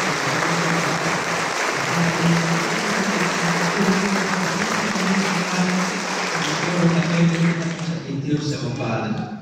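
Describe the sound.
A crowd breaks into sustained, loud applause, dense clapping filling the space for several seconds with a murmur of voices underneath, then thinning out toward the end.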